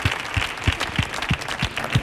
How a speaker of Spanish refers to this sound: Que estamos aquí locos porque venga un día, así que vamos a mandarte este aplauso fuerte para tu ….